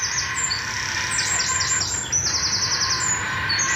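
Bird chicks in several nests in one tree call continuously as adults arrive to feed them, flapping their wings: a dense chorus of high, repeated chirps and squeals layered over one another, with a steady low rumble of background noise beneath.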